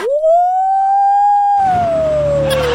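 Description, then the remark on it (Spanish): A loud fire brigade siren in Chile sounds at midday, wailing steadily on one high held tone, then slowly winding down in pitch as rushing background noise rises beneath it. No one speaks. “Hoy ya es mediodía en Chile, sonaron la, ahí sonó la sirena del cuerpo de bomberos.”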